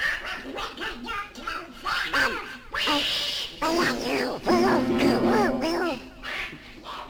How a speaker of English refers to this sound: I'm not bloody well playing this thing with a blinking duck in my piano. All the bloody time. Now get that duck out of my piano!